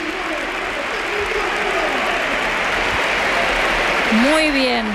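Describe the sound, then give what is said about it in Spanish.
A stadium crowd in Seville gives a sustained ovation as Spain national team players Fermín and Fabián are substituted off for Mikel Merino and Pedri, a dense, steady wash of applause and cheering that swells slightly toward the end, where sharp rising whistles cut through. “Escuchamos la ovación.”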